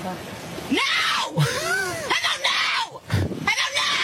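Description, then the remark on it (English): A woman screams and wails in several strained, rising-and-falling cries, loud, with brief gasping breaks between outbursts, as she demands to be taken to the hospital. “If I scream more, will you take me?”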